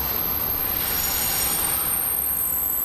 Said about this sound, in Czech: Na Kladenské hlavní nádraží přijel vlak, který míří do pražských Bubnů.